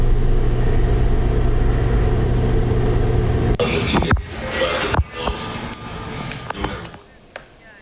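A heavy, steady roar like a rocket engine rumbles for a few seconds, then gives way to sharp crackling blasts and bursts of explosion noise that fade out unevenly: a space rocket exploding in Florida, United States.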